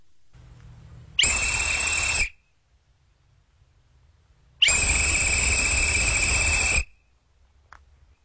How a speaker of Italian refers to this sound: Poi è arrivato il fischio dell'addio.